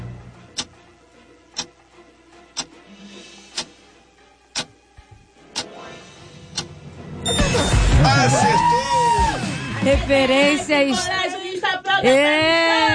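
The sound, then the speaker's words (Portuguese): A steady clock-like ticking runs for several seconds, then a group bursts into a loud, sustained war cry, voices shouting and whooping together until the end. “assim que eu gosto mesmo, grito de guerra e tudo.”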